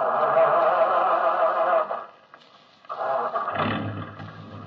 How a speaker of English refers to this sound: Start your engine, Sergeant. Yes, sir.